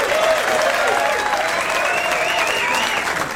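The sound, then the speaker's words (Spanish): Sustained, dense applause from a crowd celebrating the winners of a competition in illustration, comics, essay, video, poetry, staging, painting and song, steady and fairly loud throughout, with many hands clapping at once and faint tonal whistling or voices riding above it. “Y los ganadores, para quien vamos a mencionar y vamos a celebrar y a festejar con ellos con un gran aplauso, porque se lo merecen, pues.”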